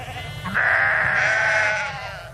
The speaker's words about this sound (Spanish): Estamos junto a un rebaño de ovejas en los alrededores de Casar de Cáceres, en Extremadura.